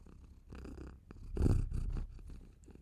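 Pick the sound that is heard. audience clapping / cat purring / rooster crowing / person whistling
cat purring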